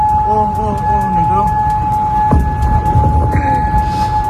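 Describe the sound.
Air raid sirens sound during an Iranian attack on US bases in Gulf countries, a steady, sustained high tone that holds unbroken for the whole clip, with a second tone layered in and murmuring voices and background noise underneath.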